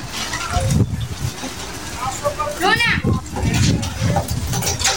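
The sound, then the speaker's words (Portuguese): Strong wind rushes and buffets steadily throughout, a low roaring noise under a shouted call and a brief high, wavering animal-like cry in the middle. “Rapaz, tá uma ventania lascada. Deixa eu ver aqui. Olha o barulho do vento. Escuta só.”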